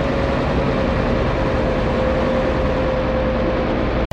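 A motorboat engine in an underground harbour drones steadily and loudly for a few seconds, a low rumbling throb with a faint sustained hum riding on top, then cuts off abruptly. No voices are heard.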